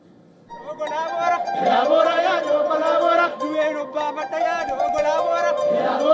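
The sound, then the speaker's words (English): Tens of thousands of Oromo people in colorful traditional attire sing together in Addis Ababa, Ethiopia, at Airiicha, the annual Thanksgiving festival, in sustained, overlapping melodic lines, loud and steady after a quiet opening, with a general hubbub of chatter mixed in. “Crowds dressed in colorful traditional attire sang, danced and waved green grass and flowers to celebrate Airiicha festival.”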